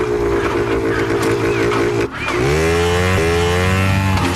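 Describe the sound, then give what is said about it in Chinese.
A police motorcycle, pushed out of a storeroom outside a factory building, idles with a steady, loud drone, briefly cuts out, then roars back and climbs in pitch as the bike is ridden away. No one speaks. “厂房外，乌曼的一名部下早已从一间库房里推出一辆警用的摩托车，等着盲巴走进。”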